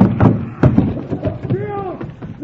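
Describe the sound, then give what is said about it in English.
The door of a magic box swings shut with a couple of dull thuds, followed by a brief rising and falling creaky whine, with voice-like sounds mixed in. “I just step inside like this, say the magic word, and close the door.”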